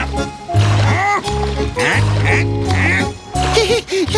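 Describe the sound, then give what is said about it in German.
A duck swimming past quacks repeatedly in loud, nasal bursts, with faint water sloshing underneath and no clear talking. “Da staunt sogar die Ente, die noch einmal an ihnen vorbeischwimmt.”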